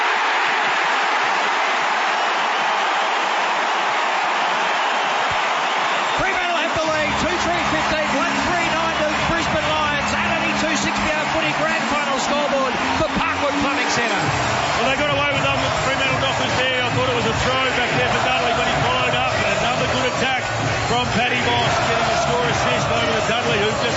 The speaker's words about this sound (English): Listen to the crowd. They are up and about. And that's what they needed.